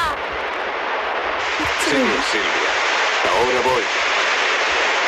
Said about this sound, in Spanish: Esto que escuchamos es el agua de la Fontana de Trevi, donde Anita Ekberg se está bañando, cosa que ahora le acarrearía una multa.